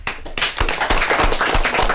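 An audience breaks into steady applause, many hands clapping together in a dense, continuous patter with a few sharper claps standing out, fairly loud and without any voices.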